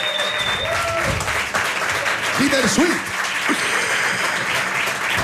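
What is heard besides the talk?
audience applause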